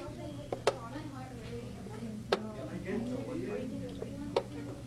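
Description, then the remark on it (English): Crisp chess clock clicks sound three or four times, spaced a second or two apart, during students' chess matches in a high school classroom in Unalaska after school, cutting through a steady murmur of students talking in the background. “That's a chess timer, or clock.”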